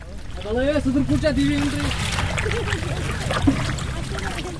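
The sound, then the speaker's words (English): A small wooden boat (shikara) with a wide cushioned seat and a canopy is rowed by a 19-year-old boatman across a lake in Wooler, with steady water swishes and gentle splashing, while a voice sounds briefly over the water near the start. “he's alternating between using the motor and skillfully rowing with the”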